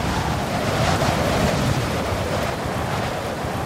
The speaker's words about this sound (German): Der Sturm entfesselt sich wüst. Durch das Fenster können wir starke Wellen sehen, die sich wie Giganten erheben.